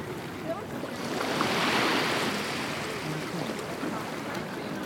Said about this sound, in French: Si on est sur la mer au-dessus, on entend le bruit des gens, le bruit des bateaux, des planches à voile, voilà.